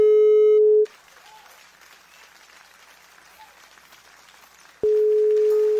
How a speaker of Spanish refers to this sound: Vamos a marcarle. A ver si tenemos suerte y nos contesta ahora sí.